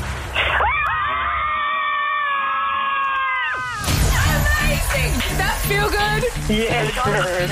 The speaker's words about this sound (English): We are all going to scream together. Okay. We're going to let it out. Girls, on the count of three, let it all out. Three, two, one, go.